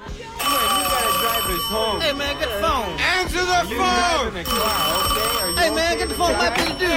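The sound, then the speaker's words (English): An old-style telephone bell rings twice in long, rattling bursts with a short gap between, loud, while voices talk over the ringing. “Don't answer the phone, man. You got that? Don't answer the phone.”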